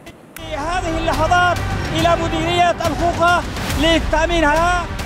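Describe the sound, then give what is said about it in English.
A crowd of Houthi fighters chants loudly in rising and falling tones while sharp bursts of celebratory gunfire crack repeatedly through the chanting, continuous throughout, as they celebrate seizing ground on Yemen's western coast around Mocha. “Gunfire, chants, and scenes of jubilation.”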